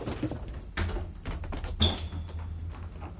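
A wardrobe door closing as two people hide inside it: a soft wooden knock, then a firmer clunk as it shuts, followed by a brief thin metallic ring, over a low steady hum with no voices.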